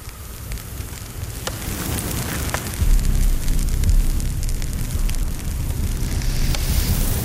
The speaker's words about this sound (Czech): Dívám se do ohně. Ten stráví všechno, aniž by slyšel, mluvil nebo viděl. Na to, co zavařuje v kádi v týpí, oheň nevidí.